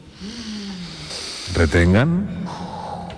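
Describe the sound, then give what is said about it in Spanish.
Several people breathe in together during a group breathing exercise in a long, airy hiss, swelling midway with a rising voiced gasp-like inhale before tapering off into softer breath noise. “Tienen que hacer un ejercicio de respiración grupal, ¿sí? Sigan mi respiración. Inspiren todos ahora.”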